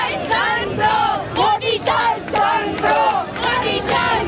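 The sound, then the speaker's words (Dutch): A large crowd of young people chants the name of Indian politician Rahul Gandhi in loud, rhythmic unison, the same rising call repeating in steady bursts about every second, with shouts mixed in. “Maar hier roepen jongeren weer om de naam van Rahul Gandhi.”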